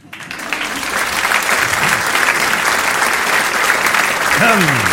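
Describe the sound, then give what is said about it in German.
Steady audience applause at a Swabian cabaret show, welcoming a performer, a dense wash of many hands clapping that swells in the first second and stays loud throughout, with a brief whoop or voice rising out of it near the end. “Das ist lieb, dass ihr so klatscht.”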